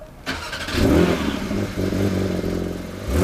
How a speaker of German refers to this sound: Ein Auto, ein Startgeräusch, der legendäre 911er aus dem Hause Porsche.